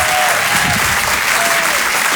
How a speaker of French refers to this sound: Faites du bruit, s'il vous plaît. Il y a un tonnerre d'applaudissements pour Sébastien Marx.